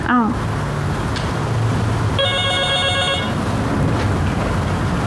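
A telephone rings once at an office front desk, a bright electronic burst of stacked tones lasting about a second, heard over a steady, loud background hiss and low hum.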